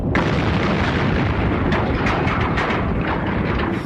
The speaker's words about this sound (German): Wir lassen einfach den Teil der Erde explodieren, dann hören die auf.